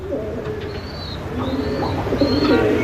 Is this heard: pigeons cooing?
yes